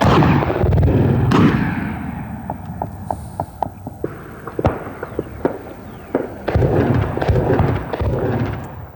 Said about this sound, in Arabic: وثقت مقاطع مصورة لحظات إطلاق القوات المسلحة اليمنية قذائف المدفعية ونيران الرشاشات الثقيلة صوب مواقع وتجمعات لعناصر جماعة الحوثي.